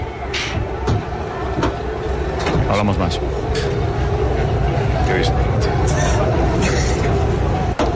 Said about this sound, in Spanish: del autobús del Real Madrid en el que se percibe la lluvia de objetos a centenares de metros del Estadio del Camp Nou. Vamos a emitirlo ya para que se pueda ver. Ahí está. Desde el interior del autobús. Se escucha, no falta decir mucho más